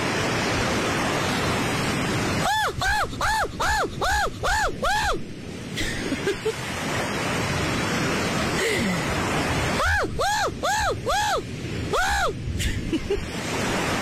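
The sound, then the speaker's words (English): A man imitates a seagull with two bursts of rapid, rising-and-falling squawks, about six or seven cries each, loud over a steady hissing, surf-like background. “So, lads, who's the better gull?”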